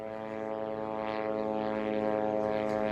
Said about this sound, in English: Well, these strikes are terrifying, just like the sound of the buzzing drone above the sky of the Gaza Strip.